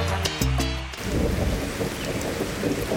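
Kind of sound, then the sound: nature, rain falling with thunder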